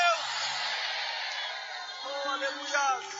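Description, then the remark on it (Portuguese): A church audience shouts a cry of glory to God together in a loud, continuous wash of many voices that swells and holds for a few seconds, with a few individual voices rising above the crowd near the end. “Liberem um grito de glória a Deus.”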